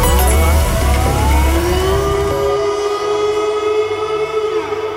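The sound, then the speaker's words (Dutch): A loud siren wails continuously, its pitch sweeping upward and then holding a high sustained tone, with rumbling low engine-like noise underneath and no talking. “Dan hoor je dus een alarm. Ja, een alarm, hè. Dan hoor je dit, zeg maar.”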